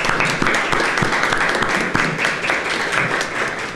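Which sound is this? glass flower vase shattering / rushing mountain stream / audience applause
audience applause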